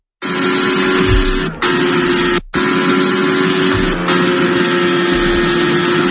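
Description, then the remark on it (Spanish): Fernando Alonso's Formula 1 single-seater roars loudly and steadily at high revs during its first laps of the new Madrid circuit at the Spanish Grand Prix, broken by a few abrupt momentary cuts like gear shifts, with no voices. “Esto que escuchas es el sonido del monoplaza de Fernando Alonso.”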